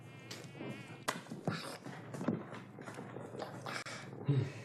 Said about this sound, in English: Mosquitoes, you know.